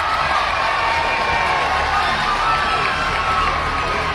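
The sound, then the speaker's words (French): A large roadside crowd on a mountain climb cheers and shouts continuously for the passing peloton of women cyclists, a dense wall of excited voices and whoops sustained at steady loudness from start to finish. “La foule crie, porte et admire les coureuses.”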